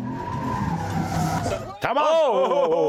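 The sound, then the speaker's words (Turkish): A car accelerates, its engine roaring under steady road noise, then its tires break into a loud, wavering squeal that fills the last second as it tears through a curve; the car goes from 0 to 100 in 6.5 seconds. “Sıfırdan yüze 6,5 saniyede çıktı.”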